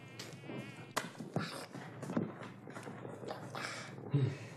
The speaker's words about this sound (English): Mosquitoes, you know.